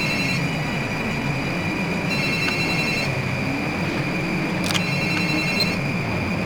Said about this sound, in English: Turn off that phone. Turn it off.